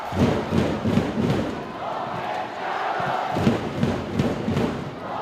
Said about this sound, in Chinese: 莆田的观众也在为龙岩 队，看到莆田队的球迷朋友也在给客场作战的龙岩队加油打气，这就是我们8名赛场当中的球场氛围。